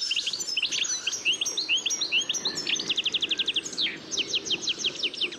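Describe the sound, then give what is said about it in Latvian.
A European goldfinch sings a bright, tinkling stream of rapid twitters and buzzy trills, continuous, over a soft low rumble of outdoor background noise. “Var teikt, ka dadzītis ir sēklu speciālists.”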